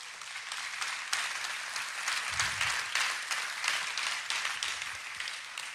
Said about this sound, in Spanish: Yo creo que Dios merece un aplauso.